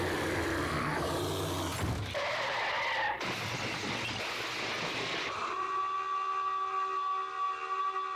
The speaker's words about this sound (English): Did you like the foghorn at the end?